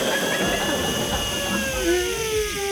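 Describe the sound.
Someone vocally imitates a hotel room hair dryer: a steady, breathy whirring drone with a high whine on top that slowly bends in pitch, sustained without a break for about three seconds.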